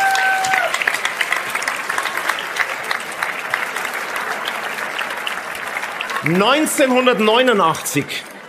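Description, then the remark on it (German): A live audience in Rust claps steadily in a dense, sustained burst of applause, and toward the end a voice rises over the clapping as the applause continues. “Also, ein Applaus vielleicht von unserem Publikum hier aus Rust.”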